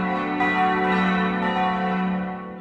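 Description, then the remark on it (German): The four bells of the Catholic church in Großzimmern ring together for the town's 750th anniversary in a sustained, dense peal, their overlapping tones blending into a steady, loud wash of metallic resonance with no voices. “3 Minuten hören wir nur alle katholischen 4 Glocken.”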